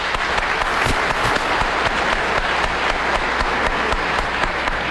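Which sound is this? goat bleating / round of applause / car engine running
round of applause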